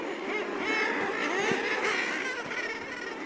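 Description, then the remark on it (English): A dense, crowded chorus of common murre calls, harsh and growling, overlapping continuously at a steady loud level with no pauses, like a packed seabird colony. “The common murre is among them.”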